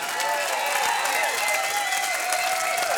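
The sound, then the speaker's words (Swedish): A large audience at a live concert at Musikplats Stockholm, broadcast on P4 radio, applauds steadily, a dense, loud wash of clapping that holds for the whole stretch, with faint cheers and whistle-like cries rising and falling above it. “Stor applåd för hela gänget.”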